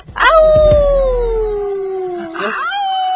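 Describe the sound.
A person imitates a wolf, letting out one long, loud howl that slowly falls in pitch, followed by a second rising howl. Clear, with no other talking.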